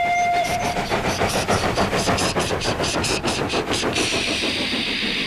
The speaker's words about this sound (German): Das sind Harry und Bert mit ihren Hupen. Diese Loks haben keine Pfeifen, sie haben stattdessen Hupen.